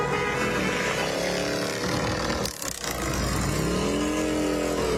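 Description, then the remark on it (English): A group of about a dozen motorcycles ridden by veterans of the Legion Riders rumbles past in good riding weather, several engines droning and revving together in a loud, continuous roar that dips briefly midway and then swells again. “Here come the Legion Riders. Out in full force as usual.”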